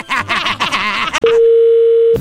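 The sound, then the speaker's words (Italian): A loud, steady telephone dial tone holds for about a second after a brief stretch of talking, continuous as an outgoing call is placed. “Adesso faccio andare le telefonate, poi in cuffia ti diciamo quello che devi fare.”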